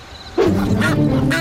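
A loud goose honk bursts in after a brief quiet moment, one drawn-out nasal call with a slightly wavering pitch, clear with no talking over it.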